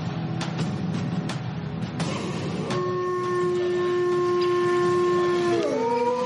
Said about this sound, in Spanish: Otros sonidos característicos de la comarca de Sanabria y la Sierra de la Culebra es el aullido del lobo. Un animal ancestral muy ligado, para bien o mal, a esta zona del noroeste de Zamora.